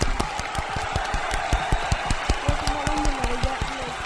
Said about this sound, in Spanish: Fin. Aplausos.